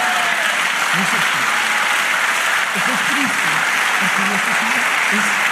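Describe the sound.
Sustained, dense applause from an audience giving praise to the Lord fills the whole clip at a steady loud level, with a few voices calling out and cheering underneath the clapping.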